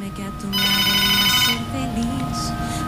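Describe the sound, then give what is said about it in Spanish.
An incoming WhatsApp call ringtone sounds loudly for about a second, a bright, harmonic electronic chime that then drops away, with a voice talking quietly underneath throughout. “Tenemos llamada. Es que no sé por qué no puedo contestar acá directamente del”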